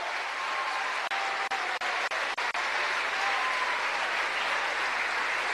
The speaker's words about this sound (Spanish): ¿Cuánto le dan un aplauso a esa obra maravillosa de Dios?